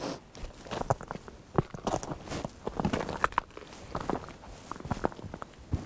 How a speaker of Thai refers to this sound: ตอนนี้น่าจะถึงใจกลางของแม่น้ำแล้วฮะเราสามารถเดินบนแม่น้ำได้โดยไม่ต้องใช้เรือแต่ว่าเดินเป็นเพนกวินนิดนึงนะเพราะมันลื่นเดินได้ทีประมาณ10เซนการเคลื่อนไหวช้ามาก